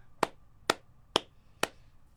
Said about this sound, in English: Sarcastic clap for myself.